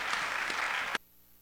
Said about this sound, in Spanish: Fuertes los aplausos para los niños de la patria.